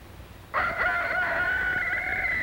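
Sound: rooster crowing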